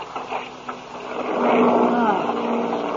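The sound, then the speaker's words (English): Airplane motors drone steadily, running rough as the plane runs into a storm, a low humming roar with wavering tones that swells louder partway through and keeps going to the end, with no clear voices. “Hey, sounds like something's wrong. Huh? Listen to those motors.”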